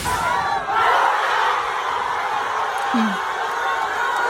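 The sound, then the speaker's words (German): A large crowd of Argentina football fans roars and cheers continuously at a public viewing in Argentina, a dense wall of shouting voices at steady high volume, with a brief individual yell rising out of the noise near the end. “Und ich glaube auch, die Argentinien-Fans waren sehr glücklich, weil so klang das gestern beim Public Viewing in Argentinien.”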